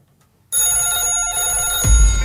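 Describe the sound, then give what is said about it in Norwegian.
A telephone call coming in to the Radio Bingoen radio bingo show rings with a bright, steady electronic trill that starts abruptly after a brief silence and holds for nearly two seconds, loud, with a low thump near the end. “Vi har en telefon.”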